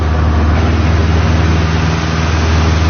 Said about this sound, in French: Alors c'est un tout petit avion, on ne l'avait pas précisé, c'est vrai tout à l'heure, mais c'est vraiment un tout petit avion, extrêmement léger, il a fallu très peu de mètres pour décoller